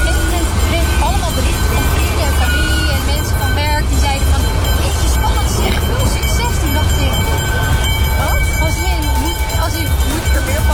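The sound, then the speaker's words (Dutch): A tram rolls past with a continuous low rumble and thin, sustained metallic squealing tones above it, while indistinct voices murmur in the background throughout. “Dat geluid van die trams, dat herken je uit duizenden.”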